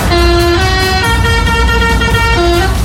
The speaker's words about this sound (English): It's the week whole fair comes to town, and as the lorries were pulling into Walton Street, one of them pressed their horn and made this noise.